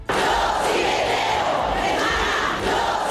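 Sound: protest crowd shouting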